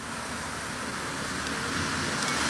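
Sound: road traffic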